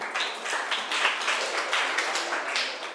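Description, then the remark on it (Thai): A group of students claps steadily for a classmate for a few seconds, a dense, bright patter of many hands blending into continuous applause with no talking. “ค่ะขอบคุณมากค่ะปรบมือให้เพื่อนหน่อยค่ะ”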